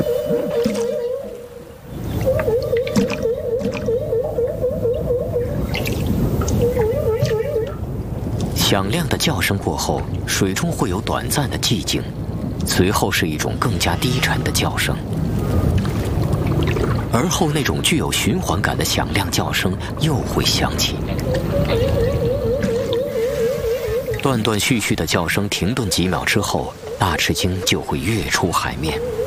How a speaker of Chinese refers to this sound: 科学家们首先分离出了大翅鲸吐气泡的声音。吐气泡声结束之后，总是会伴随一阵具有循环感的响亮叫声。